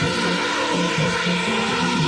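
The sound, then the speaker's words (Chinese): A swarm of 520 lit-up drones takes off and flies into position for a formation show, a dense, steady whirring drone of many small propellers filling the air, a continuous buzzing hum that holds at an even, fairly loud level with no voices over it. “哦，朋友们看看看看看看看，我们的知名无人机团队已经起飞了。”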